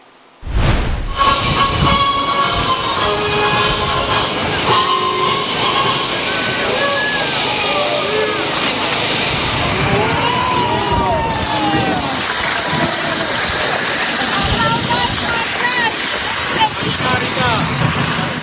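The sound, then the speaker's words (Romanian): A large crowd of spectators at a celebration on the casino promenade in Constanța boos the interim prime minister loudly and continuously before his speech, a dense roar of jeering voices with scattered whistles rising and falling, filling the scene from start to finish. “s-au putut auzi și huiduieli, pentru că astfel a fost primit premierul interimar Ilie Bolojan de unii dintre spectatori”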